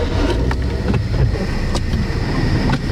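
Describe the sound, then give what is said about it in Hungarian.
Steady roar of passing cars on a busy road between a park and the city centre, a constant low rumble with occasional sharper swishes of vehicles going by, loud, with some wind buffeting. “Na akkor nézzük, ez egy forgalmas út itt, itt rögtön a park és a belváros között.”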